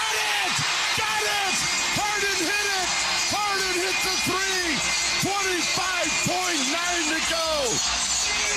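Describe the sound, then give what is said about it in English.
A basketball arena crowd roars in a dense, steady wash of noise as James Harden hits a three-pointer, with loud voices repeatedly rising and falling in pitch over it for the whole stretch. “James Harden, as the crowd roars with a silencer.”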